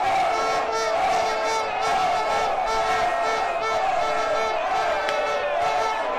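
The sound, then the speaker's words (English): A dense crowd of fans cheers and shouts continuously at high volume, a wall of overlapping voices with whoops and yells rising and falling throughout, at a trophy parade on Seven Sisters High Road in North London as the women's team bus celebrates the FIFA World Club trophy. “Kim Little cheering on the fans, cheering back at her.”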